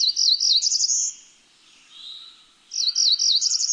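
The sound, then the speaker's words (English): A high, buzzy warbler song repeats twice, each phrase a rapid run of thin, wavering notes, separated by a brief pause with a faint lower call, clear with no talking. “These birds dazzle us, from the glinting ornaments of the golden-winged warbler to the sky blue of the cerulean warbler.”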